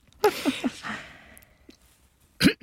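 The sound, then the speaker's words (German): A person clears their throat in a quick series of short, gravelly rasps, followed after a pause by one louder, harsher throat-clearing burst. “Ich musste mal eben einmal räuspern.”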